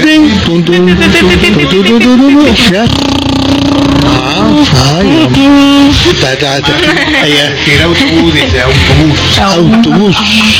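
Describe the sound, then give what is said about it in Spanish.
Voices loudly imitate a bus engine as a breathing exercise in a broadcasting course, a continuous rumbling, buzzing drone whose pitch rises and falls like revving and shifting gears, lasting about ten seconds without a break. “El autobús.”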